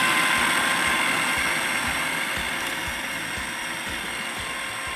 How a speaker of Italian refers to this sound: Facciamola frullare bene. Sì, deve diventare proprio una crema. Direi ancora un pochettino. Aumentiamo un po' la velocità.